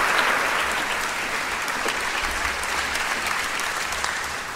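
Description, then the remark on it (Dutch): Sustained audience applause welcoming the two directors of the MA-festival on stage: a dense wash of many hands clapping at a steady, fairly loud level throughout, with no voices standing out. “En daar zijn, en zullen we vergezeld worden van een applaus, de twee mensen van het MA-festival.”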